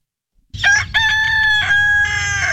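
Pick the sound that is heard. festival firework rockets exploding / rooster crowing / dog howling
rooster crowing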